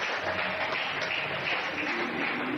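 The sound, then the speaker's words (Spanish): An audience at an evening church service applauds the Lord, a dense, continuous wash of many hands clapping at an even, fairly loud level throughout, with no voices standing out. “Alguien diga amén y dele fuerte el aplauso al Señor esta noche.”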